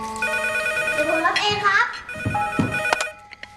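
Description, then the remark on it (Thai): A phone ringtone plays a steady, bright electronic melody of sustained high tones, as the child's father calls, with brief voices speaking over it partway through before the ringing fades out. “ใครโทรมาลูก พ่อโทรมาครับ”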